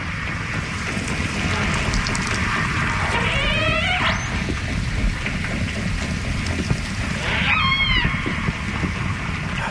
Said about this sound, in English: You're going to hear echolocation and then some sporadic calls from the AJs.